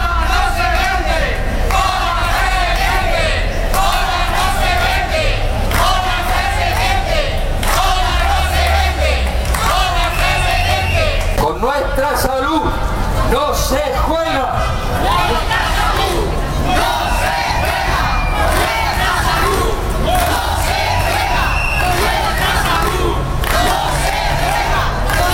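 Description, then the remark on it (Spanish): A large protest crowd at a rally called by the Plataforma Ciudadana por la Nueva Cultura por el Agua, outside the town hall in the Plaza de España, chants and shouts together in loud, rhythmic bursts, voices massed into a steady roar with occasional sharper cries rising above it. “Testimonio que recogemos en esa concentración convocada por la Plataforma Ciudadana por la Nueva Cultura por el Agua, que se celebraba a las puertas del Ayuntamiento, en la Plaza de España”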